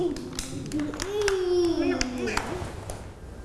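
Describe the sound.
Several small hands clap in quick, uneven bursts close by, mixed with a continuous voice speaking over them in a busy indoor room.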